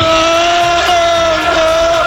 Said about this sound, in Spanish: Escuchamos el grito de los seguidores del Liverpool y efectivamente el Poli Rincón, que se ha hecho con las baquetas del batería de ….